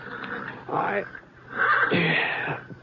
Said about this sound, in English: It was getting on toward dawn when I... one of the horses down in the corral was sure upset about something.